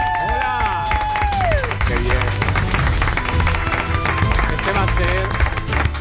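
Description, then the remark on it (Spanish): Sustained audience applause, a dense steady patter of many hands clapping throughout, with cheering and whistling voices rising above the crowd. “Este va a ser mi politono de alarma por las mañanas, para que tenga vuestros aplausos.”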